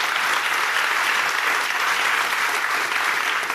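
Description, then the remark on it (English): An audience applauds steadily for Dr. Chervinsky, a scholar of the presidency. It is a dense, even wash of many hands clapping at once with no pauses, holding the same loudness throughout and no voices standing out. “So please, a round of applause for Dr. Chervinsky.”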